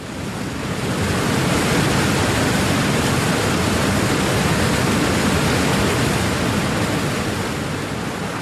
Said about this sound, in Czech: vodopád! Plujeme přímo k němu. Vždyť nás proud strhne.